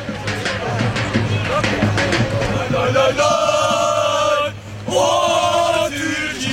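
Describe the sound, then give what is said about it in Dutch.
A crowd of football fans in Turkey chants 'Turkije, Turkije' in the background at the Turkish national team's send-off match before the World Cup, two long sustained sung phrases rising out of a dense, noisy hubbub of voices, fairly loud throughout. “Je hoort hier al de fans op de achtergrond. Turkije, Turkije schreeuwen.”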